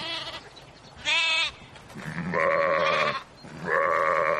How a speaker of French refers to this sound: Des moutons à perte de vue, toutes couleurs et tailles confondues. Nous sommes au quartier Ngousso à Yaoundé, au lieu dit mosquée, où des bêtes attendent encore preneur en cette veille de Tabaski.